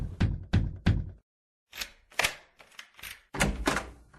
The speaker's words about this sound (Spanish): Don Roque tocó la puerta.